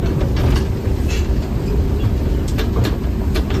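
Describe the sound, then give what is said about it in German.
A train of the Biberbahn, the reactivated line between Stockach and Mengen in Germany, rumbles steadily at the station in Stockach on a Sunday morning, a dense low mechanical drone with occasional metallic clicks and clanks, no voices. “Stockach im Kreis Konstanz und Mengen im Kreis Sigmaringen, da fährt dank der Initiative eines Fördervereins die Biberbahn wieder.”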